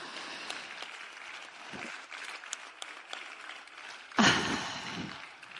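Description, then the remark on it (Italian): An audience claps steadily in a dense, crackling patter, then the applause swells louder near the end with a brief burst of cheering before easing off slightly. “Quindi grazie veramente, ancora un applauso.”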